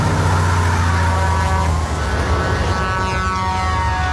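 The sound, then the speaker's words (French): A tanker truck engine roars alongside a car it is chasing on a road in California, a loud, steady, droning rumble with rising mechanical whine that holds for the whole stretch, with no voices. “l'histoire d'un automobiliste pourchassé par un camion-citerne sur les routes de Californie.”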